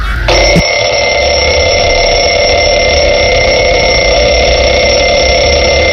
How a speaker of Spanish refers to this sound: Este le tengo yo mucho miedo. Este lo odiaba. El despertador de cuerda, eso que había, que tenías que darle, ¿a que sí?